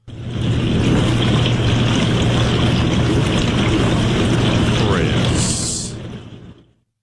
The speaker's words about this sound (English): Chris, I know what a dishwasher sounds like, sir.